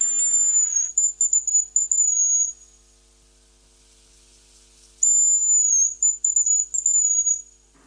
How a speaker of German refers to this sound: Das ist das Haselhuhn. Unser Vogel der Woche ist ein Ohrentester. Diese Frequenzen liegen ungefähr, also die schwirren so zwischen 5 und 10 Kilohertz.